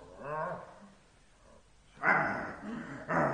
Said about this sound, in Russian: Уберите собаку, а то я за нее боюсь. За нее не бойся, за себя бойся. На место, Пальма. На место, говорю тебе.